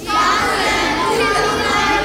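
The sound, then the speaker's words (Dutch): A group of children all shouting out names of sounds at once, their overlapping voices forming a loud, continuous jumble for about two seconds. “Stop, niet allemaal door elkaar.”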